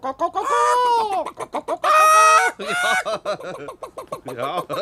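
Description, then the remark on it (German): Several chickens cluck and squawk, with loud drawn-out cackles broken up by quick, rapid bursts of clucking that continue steadily throughout. “Ein paar Hähner?”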